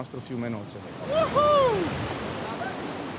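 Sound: flowing river water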